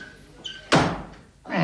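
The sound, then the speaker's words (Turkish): A door is pulled open with a faint squeak, then a loud thud as it swings shut, followed by another heavy bump; no one speaks. “Aman Allah'ım, kapıyı yıkacak, geliyorum, geliyorum.”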